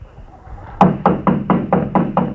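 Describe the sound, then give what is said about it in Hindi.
Loud, insistent knocking on a house door by a visitor: about seven heavy thuds in a quick, steady rhythm, after a brief quiet start. “अरे बंद बंद, दरवाजे मत तोड़िए। जरा दरवाजा तो खोलिए।”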